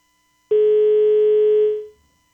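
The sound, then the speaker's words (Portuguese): A single steady telephone line tone, loud, holds for over a second before fading out, the flat tone left after a phone call drops. No voices are heard. “Nem sempre o telefone também é perfeito. Ajuda, mas não resolve.”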